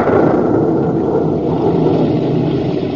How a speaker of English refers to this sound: The rumble you hear is not of the volcano. It is thunder.